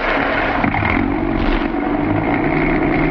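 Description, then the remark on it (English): The engine of an old police car, car 42, roars loudly and steadily as it accelerates away toward 14th and Pierpont Streets, running on Rio Grande crack gasoline, revving hard with a rough, throaty rumble that holds for the whole stretch, with no voices. “This old car's got a lot of pep.”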